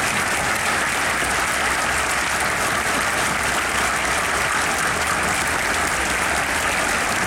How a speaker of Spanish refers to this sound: Un aplauso para todas las bandas. Gracias por estar aquí.